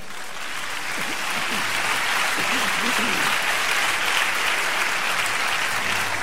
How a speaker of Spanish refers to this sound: Dale un aplauso a Dios.